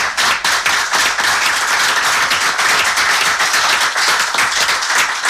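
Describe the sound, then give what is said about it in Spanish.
An audience claps for a speaker steadily for about five seconds, a dense, loud patter of many hands with no voices over it. “No le hemos aplaudido.”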